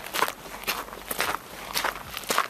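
Footsteps walking at a slow, steady pace through a palace, about five even steps with crisp scuffing impacts over a faint background hum. No voices are heard.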